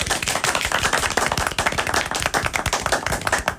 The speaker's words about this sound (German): Und ich würde sagen, an der Stelle verabschieden wir uns natürlich auch von unserem Publikum. Deswegen macht nochmal einen Riesenapplaus für unser Publikum!